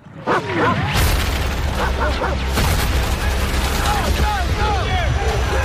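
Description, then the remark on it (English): Gunfire from the trailer for Brad Pitt's film The Heart of the Beast, filmed in New Zealand and set in Alaska: sharp, loud bursts crack out amid a dense, busy mix of rumbling sound effects and shouting voices, intense throughout. “There's a lot of gunfire and that sort of thing.”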